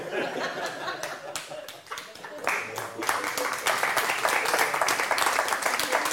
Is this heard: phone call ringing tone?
no